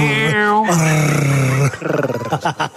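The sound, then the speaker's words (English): A man's voice growls loudly like an animal, a strained, throaty snarl held for about a second before breaking into rough, choppy grunts. “Not, there's not much doing in my relationship department at the moment, but you like growling like that is so off-putting.”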